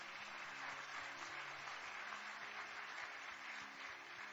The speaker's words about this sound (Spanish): ¿Por qué no le damos un aplauso a Dios por ellos?